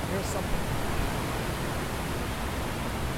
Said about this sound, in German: Wasser fällt an allen Seiten nach unten in ein tiefes Becken. Das wirkt ruhig, aber auch sehr eindrücklich.